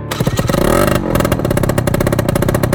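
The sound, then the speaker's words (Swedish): A motorcycle engine revs up loudly, its pitch climbing and then dropping before it settles into a steady, rapid rumbling idle. No voices are heard. “Ska du fixa till hojen?”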